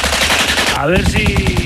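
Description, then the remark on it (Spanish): A loud machine gun fire sound effect rattles in a rapid, steady stream of shots for the whole moment, with a brief whining tone cutting through midway. “Va a haber que ser certeros, ¿eh? En los disparos.”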